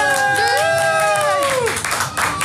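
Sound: audience applause and cheering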